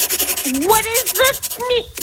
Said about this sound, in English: What's the sound now? That's just me. I'm writing it down here. Just writing it down on a pen and paper.